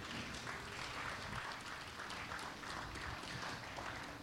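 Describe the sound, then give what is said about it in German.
A crowd applauds steadily to thank two people who have run readings about the book burning, many hands clapping in a dense, even wash of sound that holds at a constant level throughout, with no voices standing out. “Das ist euer Applaus.”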